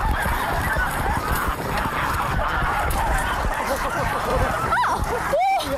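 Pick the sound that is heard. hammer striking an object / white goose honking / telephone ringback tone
white goose honking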